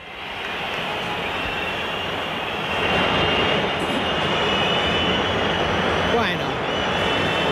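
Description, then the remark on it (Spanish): A large stadium crowd at a Real Madrid versus Villarreal football match, with the score 0-0, whistles in disapproval, a dense and steady wash of shrill whistles over a loud crowd roar that swells slightly partway through and holds for the whole stretch. “Tampoco ha habido aplausos, pero bueno, sí, hay pitos.”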